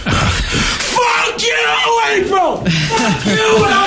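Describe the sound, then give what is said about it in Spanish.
Loud shouting from raised voices in English in a heated domestic quarrel at home, with blows, near-continuous yelling and bellowing with strained, wavering pitch and a few sharp bursts over the top. “Bueno, aquí está pasando de todo. Gritos, golpes.”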